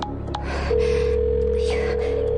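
A steady electronic phone tone hums on without a break after a short moment, like a call ringing out that nobody picks up, with faint breathy sounds near the start.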